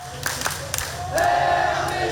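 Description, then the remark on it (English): A large crowd of about 200 South Korean football fans at Lau Pa Sat roars as their team fights back in a World Cup match, with scattered claps early on, then swells into a louder sustained cheer with a held, chant-like tone in the second half. “Listen to that crowd that's there.”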